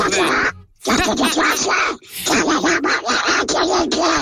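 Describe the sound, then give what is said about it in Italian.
A loud voice does a raspy, sputtering quack imitating the cartoon duck Paperino (Donald Duck), babbling in quick garbled bursts with two brief pauses, as if talking in duck speech. “È il doppiatore ufficiale di Paperino, di Paper, l'avrete capito sicuramente tutti.”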